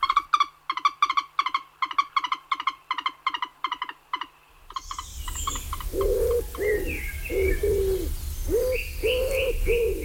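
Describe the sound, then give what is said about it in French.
A common wood pigeon coos in soft, throaty repeated phrases over a steady outdoor background hiss, following a burst of rapid, regular chattering calls from another bird at the start. “Tiens, voilà, l'oiseau qui se porte peut-être le mieux aujourd'hui en France, c'est le pigeon ramier, la palombe si on veut, que certains chassent au passage.”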